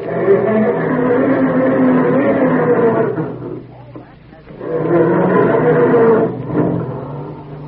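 A voice imitates a family car's engine cranking slowly and struggling to start in the morning: two long, groaning, droning bursts with a short pause between them, loud and steady with no other sounds.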